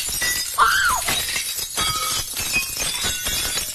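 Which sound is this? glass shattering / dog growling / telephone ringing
glass shattering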